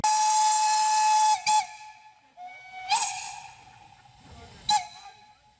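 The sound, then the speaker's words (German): The steam locomotive 1K number 54, together with 99542, a 4K engine, departs at Pentecost 2026 in the Schwarzwassertal near Bresnitz, its whistle sounding a long, steady, piercing blast with bright overtones and a hissing rush of steam, followed by a few shorter bursts and fading hiss, with no talking. “Sie fährt aus, die 1K Nummer 54, zusammen mit der 99542, eine 4K-Maschine.”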